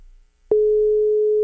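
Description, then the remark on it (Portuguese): A phone ringing tone from a call placed to a singer during a show: after a brief hush, a single steady mid-pitched electronic tone sounds loudly and holds unbroken for about a second, with no voices over it. “Ó, já tô ficando preocupado, já chamou demais ele.”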